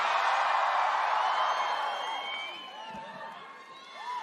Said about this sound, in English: Do you have to scream so loud? I can barely hear myself.